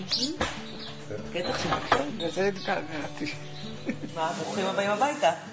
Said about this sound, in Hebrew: ובתוך שעה נסיעה, היינו בבית, על המרפסת. את שמעת את ציפורים?